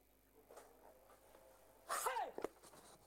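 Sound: sneeze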